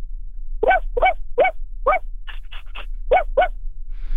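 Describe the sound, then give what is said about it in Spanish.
A person imitates the barking of a small dog with fluffy hair, nine quick yappy barks in an uneven run, over a low steady hum. “A ver, última vez, perro con pelo esponjoso.”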